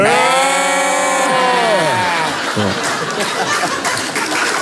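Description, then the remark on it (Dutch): Voices imitate sheep, bleating together in two voices in a loud, sustained, wavering tone for about two seconds before trailing off into chuckles and overlapping chatter. “We kunnen dat eigenlijk in twee stemmen. Kom, stand doe mee, kan. Er zijn nee, schapen.”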